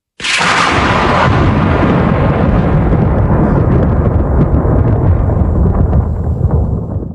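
A loud thunderclap bursts in suddenly and rolls into a long, heavy rumble that fills the whole clip, sustained and powerful with no voices.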